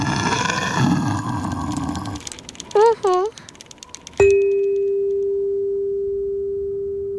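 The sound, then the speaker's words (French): A deep, rumbling roar of a big white polar bear with long fur and big teeth, on the sea ice, for about two seconds, then two short warbling electronic chirps and a single bright chime that rings out slowly. “tu verras un ours polaire dans le paysage. Un grand ours blanc avec de longs poils et de grandes dents.”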